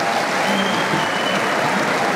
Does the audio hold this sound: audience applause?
yes